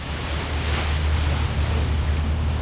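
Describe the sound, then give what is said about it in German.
Steady open-water ambience on the strait in Istanbul, Turkey, during a crossing from Beşiktaş to Kadıköy: a continuous wash of gentle waves and wind with a low, constant rumble like a boat engine underneath, even in level throughout and with no voices. “Tatsächlich ist es fast nirgendwo in der 16-Millionen-Stadt so still wie auf dem Wasser, das die beiden Seiten der größten Stadt der Türkei trennt.”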